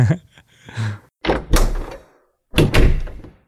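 Two quick, rasping zipper pulls, each under a second, with a soft thump of handling beneath them and a brief pause between; a faint low murmur comes just before.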